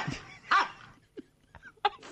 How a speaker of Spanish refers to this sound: El perro ladra así claro. porque está transpirado.